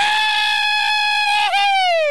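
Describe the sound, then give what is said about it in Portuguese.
A man lets out one long, shrill scream into a telephone, held loud and steady for over a second, breaking briefly before the pitch slides downward as it trails off. No talking is heard. “Não, mas ele tá gritando assim que é porque pra ver se espanta os mosquitos que tem em cima da sua cabeça.”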